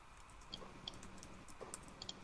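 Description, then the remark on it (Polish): A computer mouse clicks faintly several times at irregular intervals, small sharp ticks over a quiet hum, with a quick double click near the end. “Też klikasz.”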